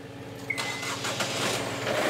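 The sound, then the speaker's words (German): A boat's two new 110 hp engines crank and catch with a short starter whine, then settle into a steady, loud, rumbling roar that keeps running to the end. No one speaks. “Dann die beiden neuen Motoren.”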